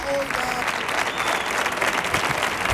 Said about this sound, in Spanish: ¡Dios! Atronadora la ovación, ¿eh? Vamos, esto ni los tres tenores cuando cantaban.